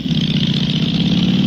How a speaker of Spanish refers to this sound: Oh, no, esa es una Harley.